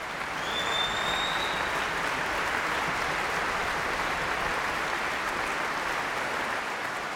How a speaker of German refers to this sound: Ja, Sie hören es. Es gibt viel Jubel, es gibt viel Applaus für Sharon Kam, für Andris Poga und das Orchester.